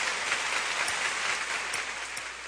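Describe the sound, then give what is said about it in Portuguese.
A steady wash of clapping from many hands, dense and continuous like rain, holding an even level throughout with no voices over it, as people give applause to the Lord. “Mas eu gostaria de dar um aplauso ao Senhor.”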